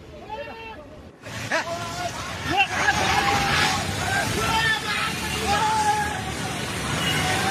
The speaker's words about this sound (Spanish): Y estas imágenes grabadas desde la ladera en Bidur muestran la fuerza de la creciente. Las aguas del río Trishuli golpean con violencia uno de los puentes de la zona.